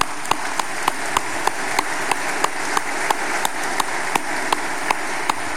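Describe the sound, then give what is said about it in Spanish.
A church audience applauds steadily for the priest, a dense, hissing wash of many hands clapping with sharper individual claps popping out at a fairly even beat. It holds at a constant loudness with no voices. “Nuevamente un fuerte aplauso para Padre Paco.”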